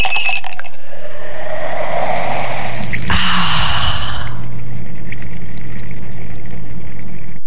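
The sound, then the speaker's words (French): Water of the Cascade de la Vis waterfall in the Cévennes rushes and pours steadily, a loud continuous wash of splashing flow with a brief sharp splash partway through, then settles into a softer, steady stream. No one speaks. “Alors on vous donne rendez-vous à la cascade de la Vis pour une escapade rafraîchissante et 100% nature.”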